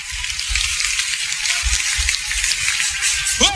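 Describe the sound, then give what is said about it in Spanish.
Loud, steady applause, dense crackling clapping that keeps an even level for several seconds, with a brief rising whistle-like tone near the end. “Dale un fuerte aplauso”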